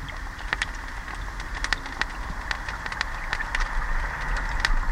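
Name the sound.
crayfish crackling underwater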